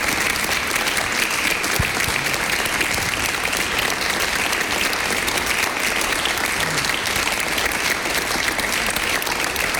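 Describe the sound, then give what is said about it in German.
A large audience claps steadily and loudly for about ten seconds, a dense, continuous wash of applause with no pauses and no voices standing out. “Und ich bitte nochmal um einen großen Applaus.”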